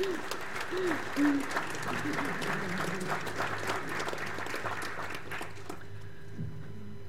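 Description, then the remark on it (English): An audience at an exhibition event claps steadily for several seconds for the team and partner representatives, a dense wash of many hands with a few voices mixed in, before the applause thins out and fades near the end. “So if I can get everyone to give a round of applause.”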